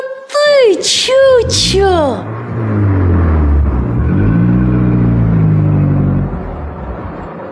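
A car engine revs and accelerates, its low hum rising and falling in pitch for several seconds, after a few short high-pitched vocal exclamations at the start. A father drives the car with his child aboard, the speedometer reading 60, then 70.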